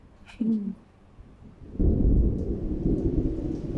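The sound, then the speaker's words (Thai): Heavy rain pours steadily while a deep rumble of thunder swells in partway through and rolls on loudly and enveloping; a brief tonal sound rises near the start. “ฝนตกหนักขนาดนี้กลับไม่ไหวแล้วมั้งลูก”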